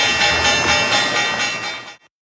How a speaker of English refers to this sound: The opening bell brought to you by Guarding Your Nest Egg with Mike Lester.